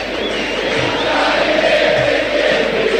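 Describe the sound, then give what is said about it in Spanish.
A large crowd of Independiente fans chants and roars together in a stadium as the Independiente and San Lorenzo teams line up at midfield for the greeting, a steady, dense wall of voices with a sustained rising tone running through the whole stretch. “Así grita la gente del rojo, de remera de siempre, en la mitad de la cancha para el saludo histórico.”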